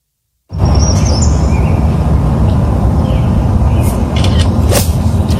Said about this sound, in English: Clickety click click click click. You hear the whippoorwill, the woodpecker. Now, were the birds legit? I don't know.